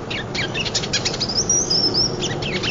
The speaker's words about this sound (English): These birds won't be moving through much longer. Gotta try to get them. There he is, in the distance.